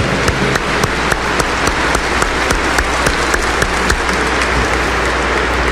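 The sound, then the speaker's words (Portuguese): Sustained applause from a crowd at the Santuário Nossa Senhora Aparecida in Brazil, a warm welcome for Dom Mário, the deacons and concelebrating priests, dense and steady clapping that stays loud throughout with scattered sharper claps standing out, no voices. “E quem está em casa, com aquela salva de palmas fraterna, calorosa.”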